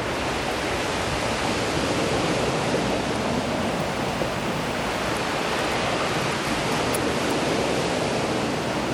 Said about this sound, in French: Le vent et les vagues se mélangent. Se mélangent si bien.